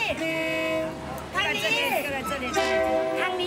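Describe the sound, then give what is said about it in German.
A passing train sounds a loud, steady two-tone horn, which cuts off for a moment and then blares again. Voices talk over it in the gap between blasts. The train moves at only about 3 kilometres per hour past a spot where people sell goods and take photos by the tracks. “Zur Seite, der Zug.”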